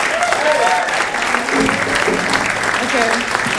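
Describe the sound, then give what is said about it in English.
An audience applauds steadily and loudly throughout, a dense wash of clapping with a few cheers and whoops rising over it. “clap for the gums.”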